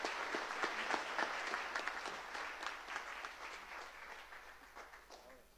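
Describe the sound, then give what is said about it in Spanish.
Sustained applause at a church celebration welcoming the visiting Comisión Internacional Provida, a dense wash of many hands clapping steadily, moderately loud and gradually thinning toward the end, with no voices over it. “Estamos muy contentos por ello, le damos la más cordial bienvenida y con un caluroso aplauso que se merecen.”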